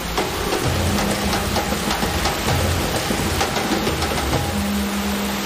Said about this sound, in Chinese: 我们的淋浴实验室呢，它也是模拟大自然，就是每分钟10毫米，就跟着我们的大暴雨一样，说白了就是类似下雨的大暴雨那种天气一样，